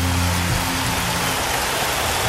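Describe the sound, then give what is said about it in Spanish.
Loud, sustained applause from a church audience, given to the King of Kings: a dense wash of clapping that holds steady throughout, with a faint low hum lingering at the start. “Eso, ahora dele un aplauso fuerte al Rey de Reyes.”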